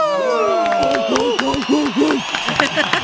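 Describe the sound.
An audience claps and cheers for about three seconds, with scattered sharp claps under rising and falling whoops and shouted voices that stay loud throughout.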